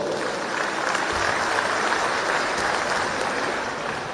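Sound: audience applause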